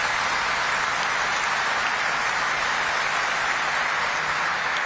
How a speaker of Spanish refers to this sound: Le recibimos con un caluroso aplauso a nuestros invitados.